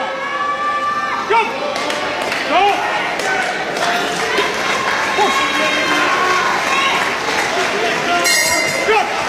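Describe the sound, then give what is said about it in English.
A boxing bell rings out to end the third and final round of a boxing bout. Its metallic tone lingers over a noisy, cheering crowd, with thuds, shuffling movement and voices mixed into the din. “Bell sounds to end the third and final round”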